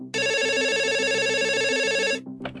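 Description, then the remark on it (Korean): A telephone at the 119 emergency line rings with a steady electronic trill for about two seconds, loud, then cuts off abruptly, followed by faint rustling; an urgent report call one night in September 2024, from a barbecue restaurant in South Korea. “2024년 9월의 어느 날 밤 119에 다급한 신고 전화 한 통이 걸려옵니다.”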